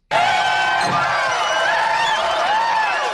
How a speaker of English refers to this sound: It almost sounds like we added that soundbite at the end of the crowd cheering there.